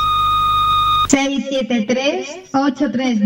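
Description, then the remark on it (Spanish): A steady electronic beep from the Rebote FM radio station's answering machine holds for about a second at even loudness, then cuts off as a person begins speaking. “Este es el contestador automático de Rebote FM. Deja tu mensaje al oír la señal.”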